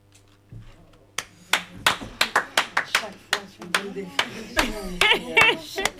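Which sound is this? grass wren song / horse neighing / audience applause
audience applause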